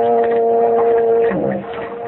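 A foghorn sounds a steady, droning blast that holds for over a second before wavering and fading away. It is fairly loud, with no one talking over it.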